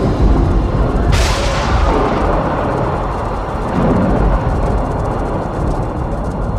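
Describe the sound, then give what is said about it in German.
Thunder in a storm with lightning flashing through leaden clouds overhead, over a steady, dense background roar: a sharp crack about a second in, then a heavy, rolling rumble that stays loud and low for several seconds. “Über ihnen zuckten Blitze im bleiernen Wolkenmeer.”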